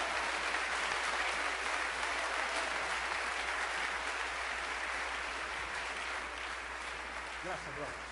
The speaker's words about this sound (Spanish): Alábalo, denle un aplauso a Cristo, aleluya.